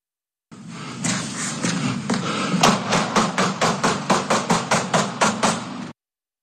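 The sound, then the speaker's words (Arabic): A few dull knocks on a door, then a rapid, evenly spaced run of about fourteen sharp, loud gunshots over steady background noise, as a masked person fires at the door after knocking with no answer, in Sakhnin. “ملثم يطلق النار على باب بعد أن قام بدقه دون رد، فلنستمع.”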